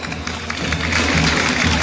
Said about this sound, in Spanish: Recibimos con un fuerte aplauso al cuadro de honor de la Escuela República de México.